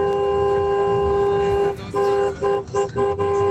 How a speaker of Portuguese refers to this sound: Aí o povo já buzinando com a gente aqui na nossa madrugada.